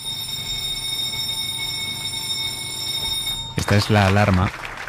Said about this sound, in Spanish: Esta es la alarma que marca la hora a la que empieza la reunión de primera en El País, que es la reunión en la que se decide de qué temas va el periódico en la portada del día siguiente.